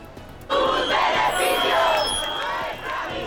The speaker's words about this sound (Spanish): Al grito de sus beneficios, nuestra miseria, las personas concentradas en las inmediaciones de la Cámara Baja han protestado contra el resultado de la votación.